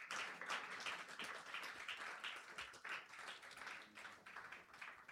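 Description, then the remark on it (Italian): Sustained applause from an audience, dense overlapping clapping at steady volume for several seconds, with no voices on top. “Quindi fate un applauso davvero a chi sta, attraversando un momento delicato e che merita la giusta attenzione.”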